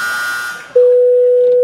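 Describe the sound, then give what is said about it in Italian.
A telephone dial tone as someone is about to make a phone call: after a faint, hissy hum, a loud, steady mid-pitched tone starts abruptly and holds for about a second before cutting off with a click. “Stai zitto che adesso devo fare una telefonata.”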